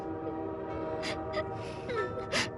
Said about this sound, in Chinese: 他向大伙挥挥手说， 你们回去吧，真的别再送了，这不火车马上就要进站了。